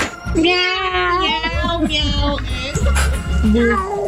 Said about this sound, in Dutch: Miauw. Ja. Ik hoor ook een krolse kat tussendoor.